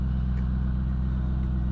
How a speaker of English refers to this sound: Truck's going. Truck's moving.